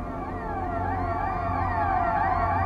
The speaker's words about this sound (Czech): zazvoň poplašný signál. Cestující sklonit hlavu ke kolenům.